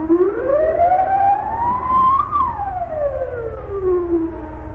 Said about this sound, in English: Alarm! Set off the alarm! It's that Nazi, the one we call Yah. He's escaped.